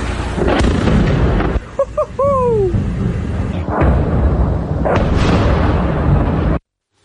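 explosions

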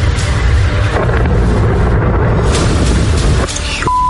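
explosion

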